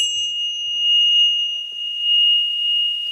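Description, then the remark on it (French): A small bell rings with a clear, high, sustained tone that hangs steadily in the air, its shimmer gently pulsing in loudness, with no voices present, marking the start of a wellness treatment. “La petite cloche qui va bien.”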